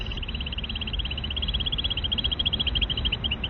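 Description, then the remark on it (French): A played-back recording of a female bird's small trill song: a rapid, steady run of high-pitched notes repeating evenly throughout, fairly faint over a low rumbling background, with no voices. “Alors là, je vous montre d'abord juste théoriquement à quoi ça ressemble les petites trilles que les femelles peuvent faire justement lorsqu'elles entendent des postures.”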